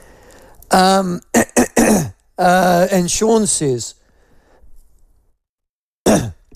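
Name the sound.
coughing and throat clearing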